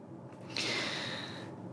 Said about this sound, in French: Je prends une grande respiration et je pose la question suivante.